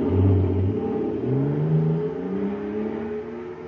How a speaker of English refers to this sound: Wow! Listen to that fire control jet car go now. It's supercharged, that's what. Supercharged with super fuel.